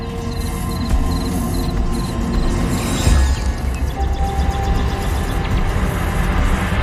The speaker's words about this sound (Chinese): 蟋蟀被俘获，落入蜘蛛黑暗潮湿的洞穴之中，它再也逃不出去了。